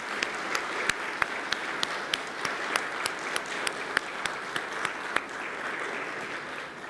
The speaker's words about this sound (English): Could we at least offer them a round of applause? Thank you. Thank you, gentlemen.